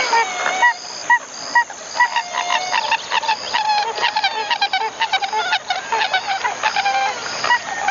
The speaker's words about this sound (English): A pied-billed grebe.